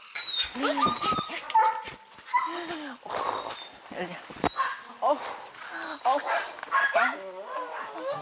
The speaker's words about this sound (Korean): 얼마 전 밭에서 구조한 후 새 식구로 맞이했다는 엘리. 아, 그런데 무슨 일인지 좀처럼 짖음이 멈추질 않습니다.